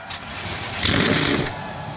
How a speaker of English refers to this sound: The command has been given. 37 NASCAR Cup Series cars come to life.